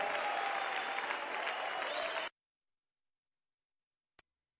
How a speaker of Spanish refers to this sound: Dale el aplauso fuerte, fuerte.